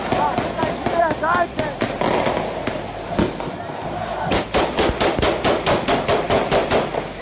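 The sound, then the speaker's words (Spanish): Rapid bursts of celebratory gunfire from assault rifles and shotguns crack out in quick repeating volleys, sharp and loud, with a brief lull before another steady rattling series of shots, while voices murmur and shout underneath. Residents of a favela in Rio de Janeiro celebrate Rubens Vaz winning the championship over Parque União. “Según las autoridades, se está investigando quiénes fueron los que desataron la lluvia de balas.”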